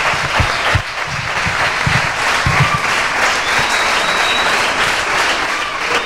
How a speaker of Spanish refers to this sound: Así que un fuerte aplauso